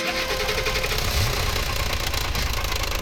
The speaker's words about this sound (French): Et c'est quoi ce bruit ? C'est le moteur de la voiture de ton papa. C'est pas gagné cette histoire, quel boucan.